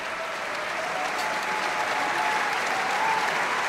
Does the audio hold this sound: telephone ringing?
no